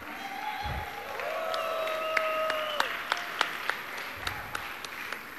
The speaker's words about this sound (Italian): E nell'ambito di questo progetto sono state selezionate 9 performer, 2 stasera qua sul palco, una c'è appena stata, una ci salirà fra poco, e altri 7 qua nel pubblico, per cui farei un applauso alle artiste di Exequa.